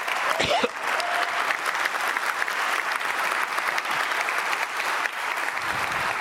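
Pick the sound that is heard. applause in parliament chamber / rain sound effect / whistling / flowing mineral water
applause in parliament chamber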